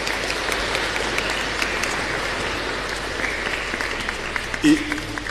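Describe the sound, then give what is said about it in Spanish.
A church audience applauds for a member's birthday, a dense wash of many hands clapping at an even level for several seconds, with a brief louder thump near the end. “Un aplauso para Basilia.”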